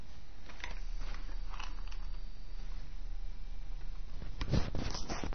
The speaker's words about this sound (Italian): Dopodiché con il fiammifero accendiamo la carta. Ecco, l'abbiamo messa in più punti ed ecco che la carta si sta già accendendo.